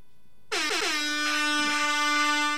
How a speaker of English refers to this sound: Give an air horn for yourself.